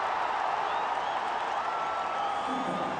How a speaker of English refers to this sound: And that gets the crowd going.